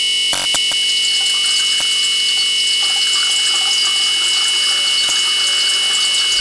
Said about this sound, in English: And now a little ASMR, water being poured into a metal bowl. Soothing. So it will probably be seven times as soothing if we layer seven tracks of water being poured into a metal bowl.